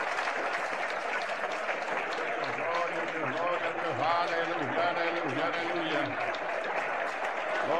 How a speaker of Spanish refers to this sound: La iglesia le recibe con fuerte aplauso para Cristo Jesús.